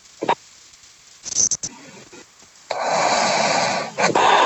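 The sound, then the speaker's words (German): Muffled snoring or heavy breathing over a narrow phone line from a caller from Oberwalfa to a radio studio call-in, who seems to have fallen asleep: a few short snorting bursts, then a long, loud, noisy breath with a hiss, no talking. “Hat die gerade geschnarcht?”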